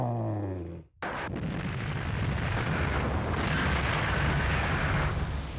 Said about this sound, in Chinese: 它整个的爆破的这个作业面是大概有600多米宽，要一次要把刺头板削掉80多米，然后呢，总的把刺头板这个土石方移到公子湾里头有18万多立方。